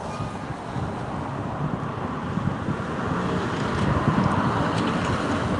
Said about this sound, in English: Your cars going past on the street, the wind blowing. Beautiful sunny day, 67 degrees Fahrenheit here.